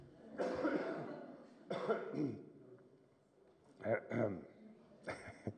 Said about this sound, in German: Und kurz dolle husten muss ich.